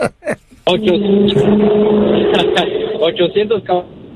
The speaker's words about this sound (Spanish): Hasta acá ruge el motorzote de ese perro. ¿Qué? Ese es el feo. ¿Qué tamaño es el motor, güey? ¿Qué tamaño es el motor?